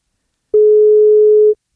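A single steady electronic ringback tone of an outgoing phone call that goes unanswered, one loud, clear beep lasting about a second, heard alone with silence before and after.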